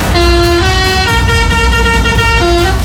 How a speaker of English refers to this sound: It's the week Hull Fair comes to town, and as the lorries were pulling into Walton Street, one of them pressed their horn and made this noise.